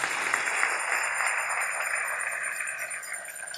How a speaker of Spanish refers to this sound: Aleluya. Dale ese aplauso al Rey en esta preciosa y linda mañana.